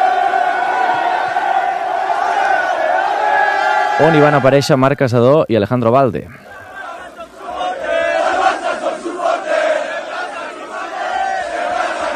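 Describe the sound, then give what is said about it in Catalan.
A large crowd of Barça football fans roars and chants in Plaça Catalunya, Barcelona, celebrating the league title after a 2-0 win over Madrid, with a loud, wavering sung chant rising above the din for a couple of seconds while a voice talks over it. “festa, petards al camp, poc després ja, com que la Font de Canaletes estava en obra, la festa, els aficionats la van fer a la plaça Catalunya.”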